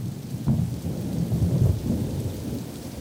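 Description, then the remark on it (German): Steady rain hisses throughout while deep thunder rumbles and rolls underneath, swelling in low booming waves, during a thunderstorm over a bay with lightning striking very near. No voices. “Dem Regen würden wir trotzen, aber Ursula Hofbauers Gewitter-App zeigt immer wieder Blitzeinschläge in nächster Nähe.”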